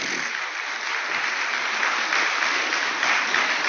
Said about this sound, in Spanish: Esto merece un aplauso al Señor, familia.